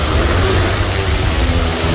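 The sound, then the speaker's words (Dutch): A window cleaner's drone in Soest, connected to a hose with warm water and cleaning agent to spray windows, whirs steadily as it takes off: a loud, constant buzzing roar with a deep rumbling undertone and no voices. “Nee, het is een drone.”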